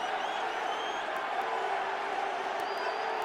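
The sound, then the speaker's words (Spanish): A crowd of New York City supporters at a football match against Tigres shouts and roars steadily throughout, a dense, continuous wash of many voices with a few thin, high whistle-like tones rising over it. “Y la porra de New York City ahora gritando y gritando.”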